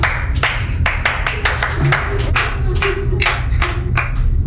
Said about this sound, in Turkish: Harikaydın, alkış.